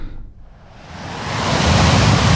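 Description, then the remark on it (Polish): Ocean surf rolls in, a soft hiss building over about a second into a loud, full roar of a wave breaking on the shore, with no voices. “Wakacyjne śniadanie mistrzów z szumem fal.”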